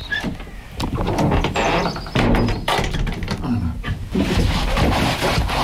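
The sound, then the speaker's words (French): A heavy fake armored door made entirely of scrap metal, built with a piece of an old hatch, grinds and creaks open, with clanks and thuds along the way and brief high squeals over a steady rumbling scrape. “C'est une fausse porte blindée, hein. Elle est très impressionnante parce qu'elle est toute en ferraille, mais voilà, elle est assez simple, en fait.”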